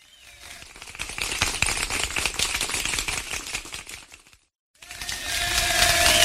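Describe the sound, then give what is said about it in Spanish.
A crowd applauds to celebrate God during a Christian broadcast, with dense, rapid clapping that swells steadily, breaks off into a brief silence, then resumes even louder and more continuous to the end. “Así aplaudimos.”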